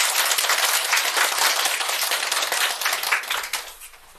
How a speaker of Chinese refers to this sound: 那就掌声有请云朵组。